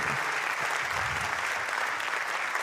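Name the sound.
audience clapping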